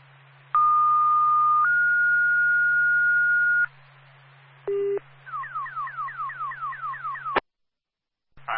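A car alarm cycles through its patterns: a long steady electronic tone that steps up in pitch, a brief low blip, then a run of rapid repeating chirping sweeps, loud over a faint hum, cut off abruptly.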